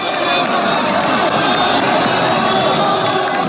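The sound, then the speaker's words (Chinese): A large crowd roars with loud, sustained cheering and shouting, a dense wall of voices for several seconds without letting up, at a humanoid robot fighting match as the robot White Eagle lands a high kick to the head of the robot Bullfighter. “当白色雄鹰一记高鞭腿精准命中斗牛士的头部时，全场爆发出震耳欲聋的欢呼。”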